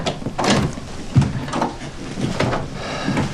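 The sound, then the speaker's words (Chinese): A bedroom door on the third floor of a house is opened with a few clunky knocks and a sliding rattle, the handle and frame clattering in uneven bursts over a few seconds, with no talking. “哎，好，我去开门。”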